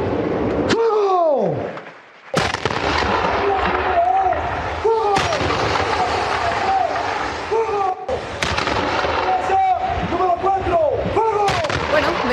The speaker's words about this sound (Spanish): Los 21 cañonazos que saludan al nuevo presidente de Colombia, Abelardo de la Espriella, quien ya es oficialmente el nuevo mandatario de Colombia.